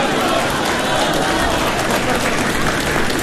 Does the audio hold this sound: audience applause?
yes